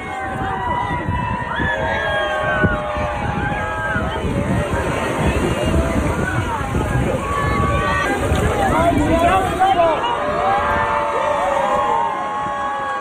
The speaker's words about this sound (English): An endangered sea turtle named Pancake was released at Coney Island after rehabilitation for hypothermia. Kids and onlookers cheered as Pancake entered the water with a satellite tracker attached for monitoring.